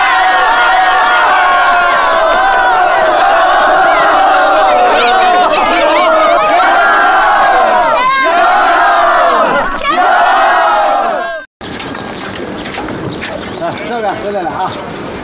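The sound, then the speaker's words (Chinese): A large crowd in Shuangshui Village cheers and applauds loudly after news that a county bank loan was approved, a dense roar of many excited shouting voices that carries on for about eleven seconds, cuts off briefly, then picks up again. “咱们双水村雨过天晴了，鼓掌。”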